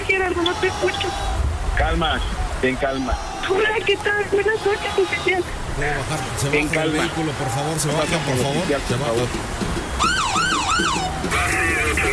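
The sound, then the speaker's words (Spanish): A police patrol car's siren wails and warbles as the car arrives amid busy, cluttered noise, its rising and falling tones growing prominent near the end, with voices talking underneath. “Ahí ya llegó la patrulla.”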